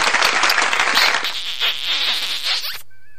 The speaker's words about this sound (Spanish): Inspirados, inspiradores. Aplausos.